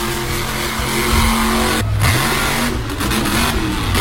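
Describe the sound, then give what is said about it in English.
A monster truck's heavy engine roars and revs continuously, its deep growl rising and falling with throttle bursts, loud throughout with no voices. “I am coming to play Monster Trucks with you guys at the Eastbound Speedway with the all-new King Slang Competition Monster Truck.”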